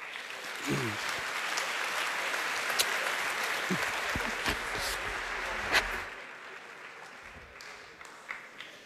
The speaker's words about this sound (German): Herzlich willkommen hier auf der Bühne. Einen großen Applaus.